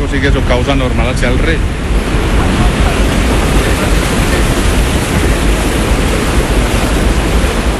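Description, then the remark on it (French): A steady, loud roar of rushing water churns without pause as water that has passed through a hydroelectric turbine pours into the outlet basin called the Almenara, with a brief voice audible over it in the first second or so. “Après être passée dans la turbine, elle arrive ici, dans ce bassin de sortie qu'on appelle l'Almenara.”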